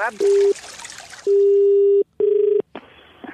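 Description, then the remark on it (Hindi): Telephone dialing tones beep three times, one short, one long and one medium, steady and fairly loud against a hissy background. “Hello hello फिर phone कर दिया तूने?”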